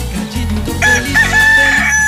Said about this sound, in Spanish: Ándele, cántele, mi gallo, cántele, mi gallo.